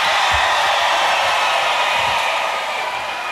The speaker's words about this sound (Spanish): Un aplausito